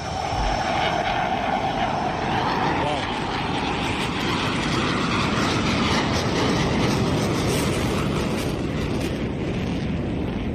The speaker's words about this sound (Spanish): El caza ruge en el aire. Quizá por eso el emblema del ala 15 es un tigre. Vaya despegue. Nada más subir, tira para arriba.